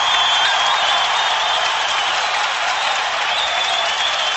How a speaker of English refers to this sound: and you will know by the sound of the crowd.